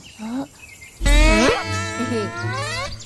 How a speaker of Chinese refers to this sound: 你们竟然没有被蚊子叮咬吗？ 当然啦， 我们速度多快，区区小蚊子根本就追不上我们。